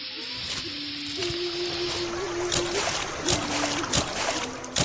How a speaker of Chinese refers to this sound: 诶，兄台，等等，头先咧，你行过嗰条小溪，步步都水花四溅，啲水声咁大啊！